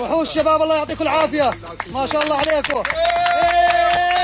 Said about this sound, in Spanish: Los aplausos y los vítores han vuelto a sonar durante al menos unos segundos cuando el equipo de rescatistas procedente de Jordania ha conseguido rescatarle con vida.